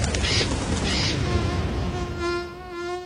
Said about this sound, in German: Nicht ganz so laut wie eine Drohne, aber trotzdem nervig. Mücken.